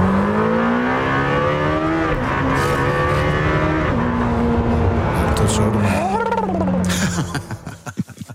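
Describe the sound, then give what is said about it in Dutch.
A Lamborghini Temerario sports car engine drones loudly, its pitch sliding up and down, then a sharp rev climbs and falls before the sound cuts away abruptly. “En Wouter test de Lamborghini Temerario.”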